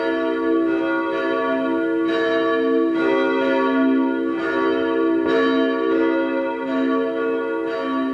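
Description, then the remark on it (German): The bells of the parish church St. Ottmar unter den Weißgerbern in Vienna's 3rd district ring together at 12 noon in a continuous, rich peal, strikes overlapping in a steady rhythm with a sustained metallic hum, loud, with no talking. “Es ist 12 Uhr. Sie hören die Glocken der Pfarrkirche St. Ottmar unter den Weißgerbern in Wien 3.”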